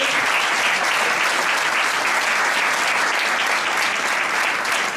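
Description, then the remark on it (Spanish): An audience applauds steadily for the full five seconds, a dense, even wash of many hands clapping at a constant loud level with no voices on top, applauding a football tournament reaching 150 registered teams this year. “De hecho, este año alcanzamos los 150 equipos inscritos, que creo que se merece otro aplauso.”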